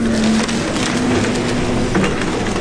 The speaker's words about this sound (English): This is what it sounds like when a destroyed house is loaded into a dump truck.